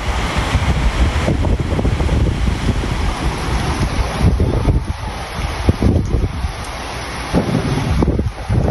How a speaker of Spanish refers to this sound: nos comparte el sonido de la lluvia en Quebrantadero, Morelos.